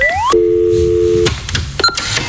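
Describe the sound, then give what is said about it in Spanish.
A telephone ringing tone on a line calling the landline of El Garito: a rising electronic chirp, then a steady one-second tone, followed by clicks and a short beep as the call connects. No one speaks. “Puedes llamar, seguramente no te lo cojamos, pero hay un teléfono fijo donde siempre podremos escuchar lo que quieres decir.”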